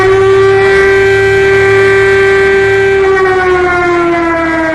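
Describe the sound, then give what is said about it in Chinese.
A loud air raid siren wails in one sustained, steady tone with rich harmonics, its pitch sagging slightly toward the end. No voices are heard alongside it. “警报又尖利地响了起来，渲染出毛骨悚然的气氛。”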